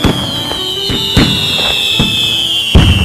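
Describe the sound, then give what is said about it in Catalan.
Fireworks and firecrackers pop in a quick, irregular string of about six sharp bangs, over a steady high-pitched whistling tone that slowly drops in pitch. “No sé què li passava a aquest senyor amb els explosius, però segur que per Sant Joan s'ho passava pipa.”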